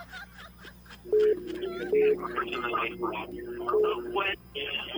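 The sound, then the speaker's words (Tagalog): A caller's radio plays in the background over a phone line during a call-in, its voices thin and muffled, with a steady low hum droning underneath and bursts of louder sound throughout. “Leo ko mute sa radyo. Mute ang radyo.”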